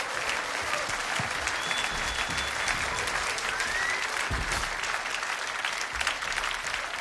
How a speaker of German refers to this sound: Sie sind bei Jazz in Concert und das ist der Applaus für die Sängerin